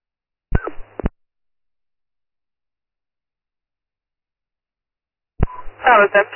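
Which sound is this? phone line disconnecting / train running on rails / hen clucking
phone line disconnecting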